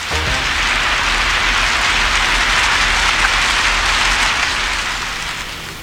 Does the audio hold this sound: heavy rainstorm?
yes